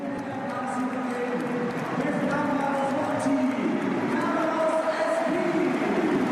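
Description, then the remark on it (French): Stadium crowd at a Real Madrid football match applauding new signing Carlos Espi as he comes on as a substitute, a dense wash of clapping mixed with many cheering and chanting voices, staying fairly loud and even throughout. “Les applaudissements du public pour la nouvelle recrue merengue et la sortie de Dumfries et l'entrée de Daniel Yanietz.”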